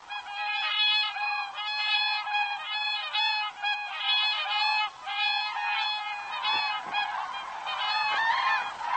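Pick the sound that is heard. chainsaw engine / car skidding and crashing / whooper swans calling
whooper swans calling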